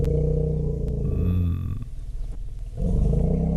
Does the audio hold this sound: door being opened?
no